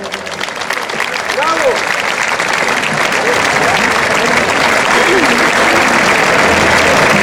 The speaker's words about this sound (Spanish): Demos un fuerte aplauso a Juan Ignacio Gallardo.